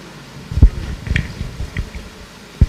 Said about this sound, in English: I'm taking water.